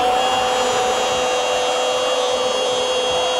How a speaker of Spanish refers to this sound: Esmeril da un pase corto a Taladro. Taladro perfora la defensa para Ferretería Casa Ramos.